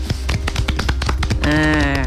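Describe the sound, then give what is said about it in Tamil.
A quick run of sharp hand claps, roughly a dozen in under two seconds, before a sustained musical tone takes over near the end. “கை தட்டுங்க.”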